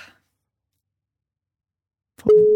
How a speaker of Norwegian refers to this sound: Skal vi bare prøve å ringe da? La oss se. Vedkommende må jo ta telefonen for å ha sjanse her.